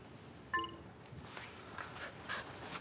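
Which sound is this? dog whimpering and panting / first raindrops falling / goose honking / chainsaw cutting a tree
dog whimpering and panting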